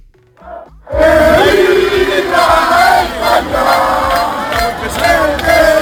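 A large crowd in the Parque del Salón in Palencia, Spain, roars and cheers celebrating the Spanish national football team's victory, a loud, sustained wall of shouting voices that swells and dips, with a few brief sounds before the cheering suddenly erupts.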